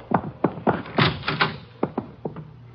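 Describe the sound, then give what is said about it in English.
A radio shack door is worked open with a series of sharp wooden clunks and rattles, a busier stretch of knocking in the middle, with no voices. “there's the door to the radio shack.”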